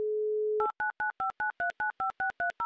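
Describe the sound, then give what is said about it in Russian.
Telephone tones while placing a call to a contestant in a prize show: a steady dial tone hums briefly, then about eleven quick, evenly spaced two-pitch dialing beeps follow in a brisk rhythm, with no voices. “А давайте попробуем, как будто мало было гудков.”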